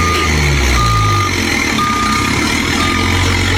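A chiva bus's reversing alarm sounds a steady, mid-pitched beep about once a second, four times, over the loud, continuous low rumble of its idling engine as the driver reverses.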